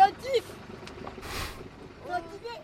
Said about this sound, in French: En retournant au port, le vent se calme, le moteur se rallume et tout le monde profite des derniers moments sur le pont.